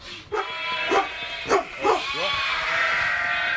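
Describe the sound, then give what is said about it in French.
A female guard dog gives four sharp alert barks at a person during a training exercise, in a steady rhythm over a constant outdoor hiss with no talking. “Donc du coup, là, elle a mis 4 coups d'alerte.”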